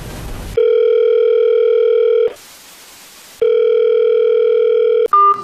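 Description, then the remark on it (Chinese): A telephone ringback tone sounds twice, each steady electronic burr lasting well over a second with a hissy gap between, then a brief click as the line picks up; a call to a director about Coenzyme Q10 stock. “我这边刚要给您打电话呢。”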